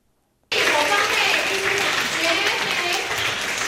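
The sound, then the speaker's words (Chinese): After a brief silence, warm applause from over 400 devotees at Puxian Temple bursts in to welcome Venerable Jue Pi, Secretary-General of Buddha's Light International Association, before a Shurangama Sutra lecture; a dense, continuous patter of many hands clapping holds loud until the end. “热烈掌声恭迎国际佛光会秘书长觉毗法师，以大佛顶首楞严经带领普贤寺超过400位信众，在虚拟洪流中找回不动的真心。”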